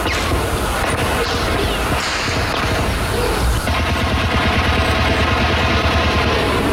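Heavy gunfire from a clash between Comando Vermelho and Terceiro Comando Puro drug traffickers at Morro da Babilônia, Leme, Rio de Janeiro, rings out in a dense, continuous barrage of many shots, cracks and bangs overlapping loudly for several seconds with no voices.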